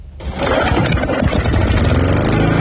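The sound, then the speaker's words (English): A lawn mower engine catches almost immediately and settles into a loud, steady, buzzing run, a rough mechanical drone that holds without a break to the end. “It's getting to that time of year where you have to start mowing the lawns once a week.”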